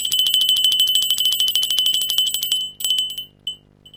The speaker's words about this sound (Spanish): Sección número 3. Suena la campanilla.